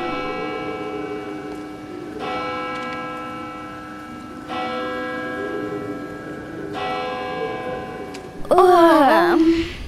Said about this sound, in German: So wie schon viele Male gongte es nun zu Mitternacht.